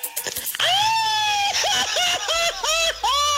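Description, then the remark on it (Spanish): A loud, high-pitched Mexican celebratory grito for the national patriotic holidays: one long sustained yell breaking into a rapid series of rising-and-falling yelps, ringing out alone after a brief burst of noise at the start. “Pero no cualquier grito, sino como estos.”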